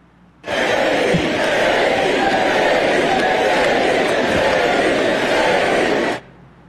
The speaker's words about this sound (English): So the crowd obviously chanting his name, and even at some points, 48 as in 48th President Vance, smiling and reminding them there's an election to win first.